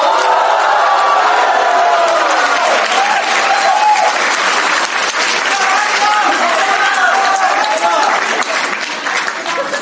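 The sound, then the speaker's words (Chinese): A large audience welcomes crosstalk (xiangsheng) performers Cao Yunjin and Liu Yuntian for the piece 'Da Bao Biao' with sustained, loud applause, some cheering and whoops mixed in, a dense steady roar of clapping that holds for the whole stretch before easing slightly at the end. “请您欣赏相声大保镖，表演者曹云金、刘云天，掌声有请。”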